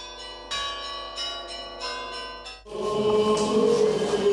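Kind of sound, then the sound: signal or alarm, church bells ringing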